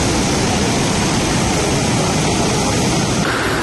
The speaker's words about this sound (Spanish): Así entraba el mar en el paseo de ese barrio del sureste de Gran Canaria, colándose en algunas casas y dejando vídeos curiosos de esas olas en las redes sociales.